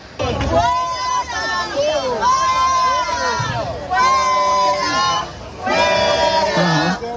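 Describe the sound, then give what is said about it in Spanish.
A crowd of protesters in Madrid's Plaza del Sol heckles a man of about 70 who was filming with a mobile phone bearing a Carlist flag on its case, many voices shouting over one another in loud, overlapping bursts, with a brief lull before the jeering swells again. “Se trataba de un señor de unos 70 años que portaba un teléfono móvil con el que iba grabando y en la funda tenía una bandera carlista, y eso lo ha llevado a ser increpado por un gran número de manifestantes que se han agolpado”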